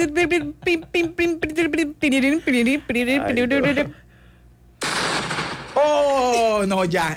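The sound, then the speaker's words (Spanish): A single loud explosion sound effect bursts out for about a second after a run of choppy, tonal vocal sounds, then gives way to a ringing, wavering tone. “Ya, con explosión y todo.”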